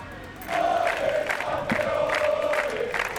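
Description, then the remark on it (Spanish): A large crowd of fans cheers loudly as they receive the football players at the Zarzuela in Spain, a sustained roar of many voices rising after a brief quiet start, with rhythmic chanting bursts of "campeones" pulsing through the noise. “Al grito de campeones han recibido a los jugadores en la zarzuela.”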